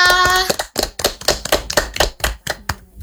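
Audience clapping after a poem is read, in a steady, even rhythm of sharp claps, about four per second, after a brief tonal note at the start; no one speaks over it.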